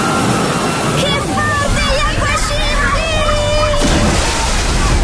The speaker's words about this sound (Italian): Il relax delle piscine termali. Il divertimento della piscina ad onde.